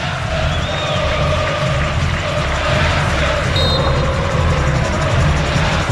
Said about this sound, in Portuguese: Falta marcada a favor do Santos, que busca ampliar o marcador. E a torcida continua se animando na Vila Belmiro. Sinta o clima na Vila.